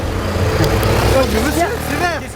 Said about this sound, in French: Et voilà, regarde-moi toutes ces bagnoles qui passent au rouge là. Non mais des vrais dangers publics, je te jure.